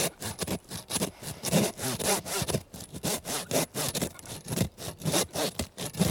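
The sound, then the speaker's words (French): A hand saw cuts through ribs in steady back-and-forth strokes, roughly two per second, each a coarse rasp. No one speaks. “Puis après, on doit scier les côtes.”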